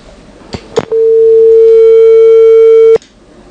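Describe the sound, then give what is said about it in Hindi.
A steady, loud telephone line tone holds for about two seconds after a couple of sharp clicks, then cuts off abruptly, leaving a faint background hiss, as a listener's call connects to a phone-in programme. “थोड़ा सा और हम वेट करते हैं, उन्होंने काफी देर तक कोशिश की थी लेकिन हमें फोन को लेने में हमें देरी हो गई।”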